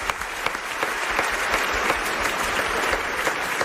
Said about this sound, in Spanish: Bueno, pues un aplauso para este nuevo amigo que acabamos de hacer, por favor.